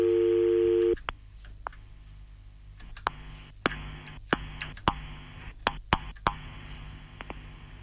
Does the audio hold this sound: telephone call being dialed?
yes